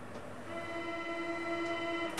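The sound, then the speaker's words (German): A commuter S-Bahn train hums steadily with a sustained tonal whine, its rumble and pitched drone continuous with no one speaking. “spazieren zu gehen und dann, warum nicht, die S-Bahn zu nehmen, ohne ein weiteres Ziel als ein bisschen Grün zu sehen, Bäume, vielleicht ein Stück Wald.”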